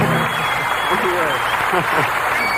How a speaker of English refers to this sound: Thank you very much. Thank you. Well, we appreciate that applause.